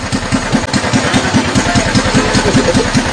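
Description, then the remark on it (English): A small ride-on Barbie toy car, driven by a man in Georgia, idles with a steady, rapid low putter, each beat evenly spaced and loud throughout, with no voices over it. “Anybody seen the Georgia man that said gas prices were so high, he started driving a Barbie car instead?”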